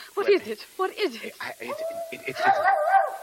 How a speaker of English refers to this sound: What is it? A mad dog. But it's all right, Marie. We have a mad dog down there, but...